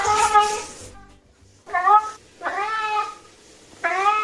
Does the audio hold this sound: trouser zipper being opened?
no